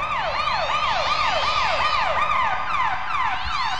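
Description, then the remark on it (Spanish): Loud riot police sirens, turned up in volume, wail in rapid, repeating rising-and-falling cycles, continuous, with a second siren overlapping toward the end. No voices are heard. “Y de pronto se pusieron muy locos los granaderos porque le subieron el volumen a sus sirenas.”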